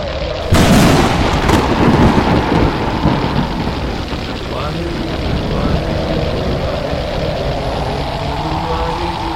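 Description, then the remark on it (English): A sudden loud thunderclap bursts in, then a heavy, continuous storm roar and low rumbling carry on steadily for several seconds, dense. “This firestorm! Why are they not frightened?”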